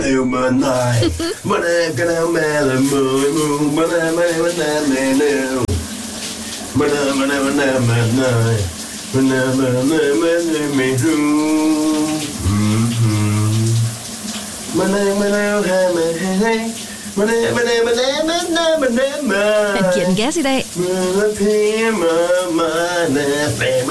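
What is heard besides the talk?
shower running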